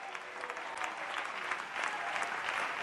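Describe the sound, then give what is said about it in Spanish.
A church audience applauds the King of Glory during a sermon, many hands clapping in a dense, continuous patter that holds at an even, moderate loudness throughout without fading. “Alguien dele un aplauso al Rey de la Gloria.”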